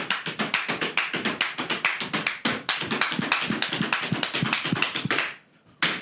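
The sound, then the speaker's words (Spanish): Rapid, loud zapateado footwork on the tenth floor of a building, a dense run of sharp percussive heel and toe strikes in a fast driving rhythm, with no voices, ending in a brief pause before one final stamp. “Sabes que tú estabas zapateando, hermano, y estaban ya llamándonos el piso 9.”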